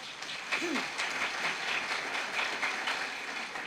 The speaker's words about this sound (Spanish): De esta manera pongo en tu mano, y pueblo de Dios, alaban, glorifican con lluvia de aplauso.